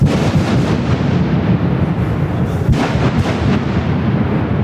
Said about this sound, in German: Der Neubau vom Tunnel Las Ruinas an der Lucmanierstrasse ist offiziell angeschossen worden. Natürlich nicht mit Kanonen und Pistolen, nein, der Bau hat mit einer ersten Sprengung angefangen.